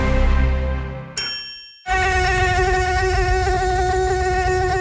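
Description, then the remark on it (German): A short chime and ringing tones give way to a loud mosquito whine that drones steadily with a slight wavering pitch for about three seconds, with no voices. “Mücken bringen Gesundheitsrisiken mit sich, besonders die Tigermücke.”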